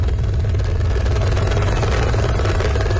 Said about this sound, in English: The rescue chopper hovers above the valleys of Nepal's northern Rusua district. There is no safe place to land after floodwaters washed away entire villages.